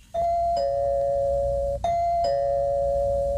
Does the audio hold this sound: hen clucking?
no